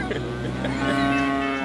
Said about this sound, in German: Und wir müssen nicht laufen und die Kühe kommen alle an.